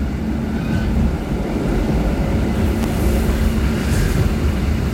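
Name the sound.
older train rattling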